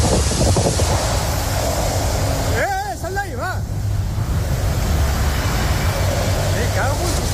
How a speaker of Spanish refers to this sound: Reventones térmicos y vientos de hasta 150 kilómetros por hora.